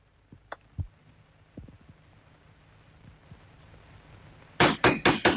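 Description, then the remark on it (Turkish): Heavy pounding on a door by a father demanding his daughter open it: after a few scattered thumps, a burst of four loud, rapid bangs lands near the end, forceful, with no voices. “Aç kapıyı Nazlı! Aç diyorum sana!”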